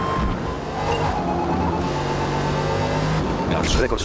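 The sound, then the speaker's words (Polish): A rally car engine in a racing video game drones loudly and continuously, its pitch shifting as it revs while the player applies too much throttle, with a man talking over it and a short burst of gritty noise near the end. “Bo jednak ten samochód ma no trochę mocniejszy silnik niż to Subaru.”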